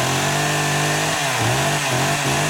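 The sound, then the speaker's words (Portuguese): A chainsaw runs loud with a steady buzzing whine, its pitch dropping and recovering a few times as if it bogs down under load, in an advert for chainsaws at the Maczima store. No voices. “O Fecha Mês Maczima chegou com oferta de Motosserra e Sil.”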